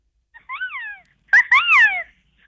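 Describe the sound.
A person's voice imitates a harpy eagle call: two rising-and-falling whistled wails, the first softer, the second louder and longer with a breathy start. No talking around them.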